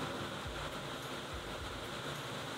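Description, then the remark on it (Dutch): Heavy rain pouring down in Brussels in a dense, steady hiss that fills the whole clip, with a low rumble underneath and no voices or breaks. “Maar dat is dus de regen die hier nu ook in Brussel met bakken uit de lucht valt.”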